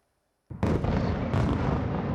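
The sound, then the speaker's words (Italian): A loud, heavy explosion from a Russian ballistic missile strike on the centre of Kyiv, Ukraine, erupts suddenly after a short silence, its broad roar sustained and rumbling with a second surge partway through, with no voices present. “Una raffica di missili balistici fa tremare il centro cittadino, con forti esplosioni e detriti caduti in alcuni quartieri della capitale.”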